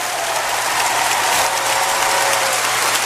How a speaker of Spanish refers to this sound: Póngase de pie. Aplauda a Cristo. Aplauda a Cristo.